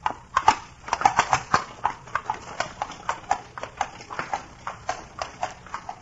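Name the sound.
horse hooves clip-clopping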